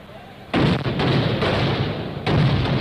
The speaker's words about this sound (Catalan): La pólvora és una de les grans protagonistes de les festes populars catalanes. Des dels castells de focs artificials fins als correfocs, la pirotècnia s'ha convertit en un element imprescindible de la festa.